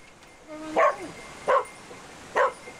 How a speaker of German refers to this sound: Bellen bedeutet, dass der Hund jetzt hier eine Person wahrgenommen hat und dementsprechend hier jetzt auch die stärkste Witterung austritt und dementsprechend der Hund hier jetzt anzeigt, dass eben hier eine Person ist.